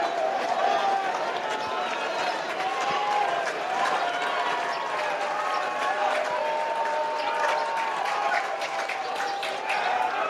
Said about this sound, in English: And you can clearly hear the difference from this regional crowd now.